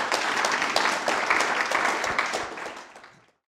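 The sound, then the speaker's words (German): Steady applause from an audience, a dense crackle of many hands clapping at an even loudness that tapers off and fades out after about three seconds. “Applaus für euch und bitte, danke schön.”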